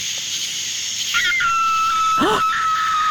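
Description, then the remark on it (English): Over a steady drone of night insects in the pitch-black countryside, a coyote or fox calls: a rising, wavering cry that settles into a long, thin high whine, broken by a sharp arching yelp. “That's a coyote fox.”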